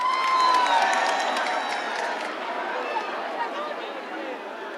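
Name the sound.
audience applause and cheering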